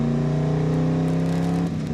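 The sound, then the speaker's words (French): A vintage race car engine drones at a steady, loud pitch with strong low harmonics, holding high revs before easing slightly near the end as the car slides. “Ça glisse pas mal, mais la voiture a l'air assez facile à rattraper finalement.”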